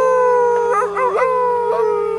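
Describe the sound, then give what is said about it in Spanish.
A wolf lets out one long, loud howl, holding a steady pitch with a wavering, yelping break in the middle before it settles and trails on. “Y le encanta aullar.”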